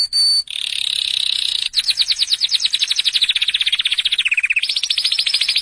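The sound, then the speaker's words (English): A bird call rings out alone and loud: a brief high whistle gives way to a long, rapid, buzzy trill that wavers and dips in pitch before rising again. “Yes, what kind of bird is that?”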